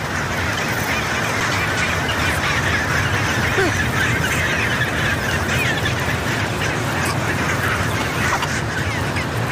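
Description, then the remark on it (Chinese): A dense, unbroken chorus of chinstrap penguin colony calls from a breeding colony climbing a steep slope to the hilltop to build nests, many harsh braying and squawking voices overlapping at steady loudness throughout, with no speech. “一只雌性帽带企鹅爬到一半停下来休息了片刻，又接着往上爬。”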